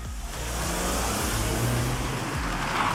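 Loud car engines rev and roar, with shifting pitch as the vehicles accelerate, a continuous dense engine noise with no voices. Speeders with loud cars, for example holding illegal races, in the evening around Karl-von-Ossietzky-Straße and the Anna-Park in Alsdorf.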